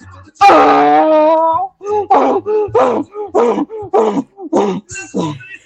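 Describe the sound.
A person imitates a donkey braying: one long, loud, strained wail, then about eight rapid rasping hee-haw pulses in a steady rhythm, fading slightly toward the end.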